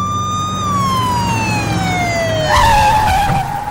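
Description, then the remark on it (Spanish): A Highway Patrol car siren wails loudly, holding a high tone before sliding steadily downward, with traffic rumble underneath and a brief harsh burst near the end. “La Highway Patrol que detener. ¡Mande la patrulla, mijo!”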